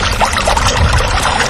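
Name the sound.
water pouring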